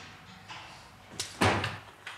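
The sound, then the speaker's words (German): A door is opened with a couple of sharp latch clicks followed by a fuller wooden clunk, then a faint knock as it settles, all fairly quiet with no voices. “Die Tür bleibt offen.”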